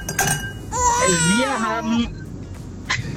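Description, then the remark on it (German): A brief, heavily altered hip-hop song snippet: a warped, wailing vocal-like line bends up and down for about a second, with short sharp hits just before and after it. “… ist es.”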